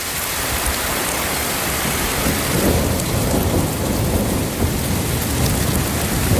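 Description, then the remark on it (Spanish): Heavy rain pours down in a steady, dense hiss while deep thunder rolls and rumbles beneath it, swelling midway through a loud thunderstorm with no voices. “Bajada notable de las temperaturas tras la tormenta que descargó con fuerza ayer en varios puntos de la región.”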